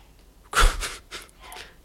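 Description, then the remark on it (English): Someone outside a studio sneezes forcefully: one sudden, explosive burst of breath, then two softer, breathy puffs trailing after it. No one speaks. “I don't know if y'all can hear somebody aggressively sneezing outside the studio.”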